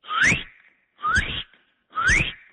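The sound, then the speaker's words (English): A person practicing bird calls whistles an imitation of a northern cardinal call: three rising, slurred notes, each about half a second long, evenly spaced and fairly loud, with no talking. “That's a northern cardinal.”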